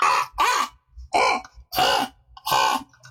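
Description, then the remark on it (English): A person's voice mimics a crow, giving five harsh, raspy caws in a steady rhythm, loud with brief pauses between each call. “The next one I like to do that I've been doing recently is the crow.”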